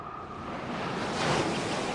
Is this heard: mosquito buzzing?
no